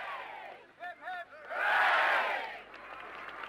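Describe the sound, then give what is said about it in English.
A crowd welcoming pentathlete Sergeant Jim Fox home with his gold medal to his army town in Berkshire cheers and whoops, with a couple of short, high shouts rising above the noise before the cheering swells into a loud roar and then eases back to a steady hubbub. “One member of the pentathlon team, Sergeant Jim Fox, was given a rapturous welcome when he returned to his army town in Berkshire to show off his gold medal.”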